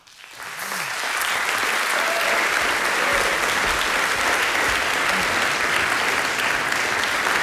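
A live audience in Murska Sobota claps steadily, the applause swelling in over the first second and then holding as a dense, continuous wash of hand claps for several seconds.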